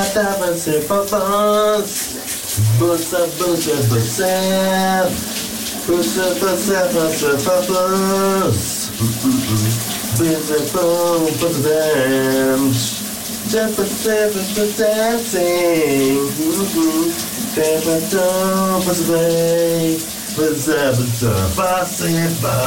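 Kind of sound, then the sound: household object, shower water running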